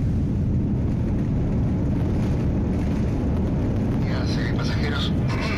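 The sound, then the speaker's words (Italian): A steady, loud low-frequency roar of jet engines droning inside an airplane cabin on a long flight to Santiago, Chile, with faint muffled voices rising near the end. “Non rimane altro da fare che salire sull'aereo e cominciare questo lungo viaggio fino al Cile.”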